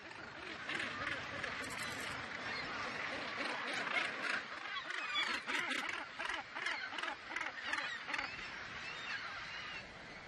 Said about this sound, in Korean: 서로 가까이 둥지를 튼 북극 갈매기들은 먹이와 영역을 두고 이웃들과 다툽니다.